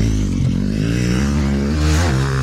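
Loud motocross motorcycles rev steadily during training at the Automotoklub Pacov in Vysočina, their engine whine dipping and climbing in pitch as the throttle changes, with no voices present.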